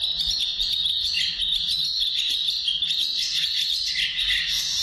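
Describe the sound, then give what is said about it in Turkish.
A collared pratincole call, a steady stream of sharp, high chattering notes running without pause for several seconds, fairly loud, with no voices. “Kırkırlangıcının ötüşü. Çekmeli bir sesi var. Yani böyle tersten çalıyormuşsun gibi.”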